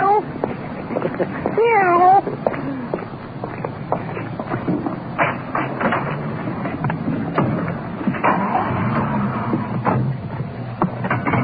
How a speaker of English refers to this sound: The victim was a pussycat. He's liberated from the washing machine.